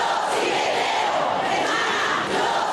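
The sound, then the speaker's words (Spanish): A large protest crowd, filling the streets over a group rape case, shouts and chants together in a dense, continuous roar of many voices, staying loud and steady throughout with slight rising and falling swells. “Las calles se llenaban y como además eran esos gritos que era lo que estaba en juego, ¿no?”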